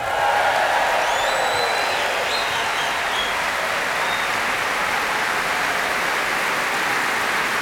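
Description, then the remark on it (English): A large audience at the Royal Albert Hall applauds loudly and steadily at the last night of the Proms, a dense wash of clapping with a few high whistles and cheers rising above it in the first seconds. “Ça, c'était pour les gens qui étaient sur l'estrade et puis ceux qui sont dans le public du Royal Albert Hall”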